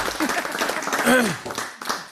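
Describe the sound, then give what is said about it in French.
An audience applauds a presenter before an oral presentation, with dense, steady clapping for about two seconds, and a voice briefly calls out over it with a rising, sung-like tone. “On l'applaudit, s'il vous plaît.”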